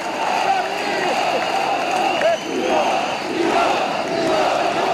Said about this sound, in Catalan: Crit de guerra.